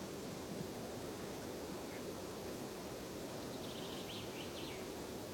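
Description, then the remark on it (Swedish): A steady, even rush of wind over a long mountain plateau fills the air throughout, broad and unbroken, with a few faint, high bird chirps drifting in toward the end. “Men nu tycker jag ändå att det kommit igång lite fågel och vind.”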